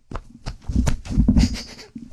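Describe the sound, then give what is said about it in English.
A run of armpit farts: several quick, wet, squelchy bursts with a low, rumbling buzz, fairly loud and slightly uneven in rhythm, with no talking over them. “Armpit farts.”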